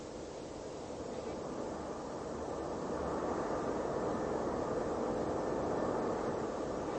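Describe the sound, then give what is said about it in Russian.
A steady, rumbling drone of German airplanes passing overhead, their red and green lights in the sky, swelling slightly louder midway and holding constant, with no voices. “Это же самолеты от немцев летят.”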